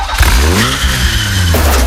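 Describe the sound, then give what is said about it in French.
A car engine revs loudly, its pitch climbing as the vehicle accelerates away, with a steady rushing roar filling the short moment; no one speaks. “Maman, tu me prêtes ta voiture ?”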